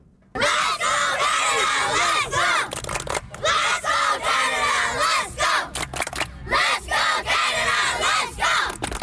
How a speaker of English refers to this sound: and this time with local players from the South Burnaby Metro Club, and they are rather energetic chanting. To introduce themselves and some of the players, they sent this from their pitch.